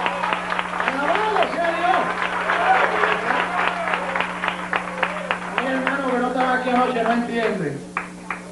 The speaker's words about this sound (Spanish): El tiempo continúa. Un aplauso a ti.